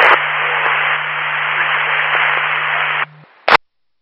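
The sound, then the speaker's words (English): Loud, steady radio static hisses for about three seconds over a low hum, cuts out abruptly, then a short final burst of static crackles before silence. “172, that was all static.”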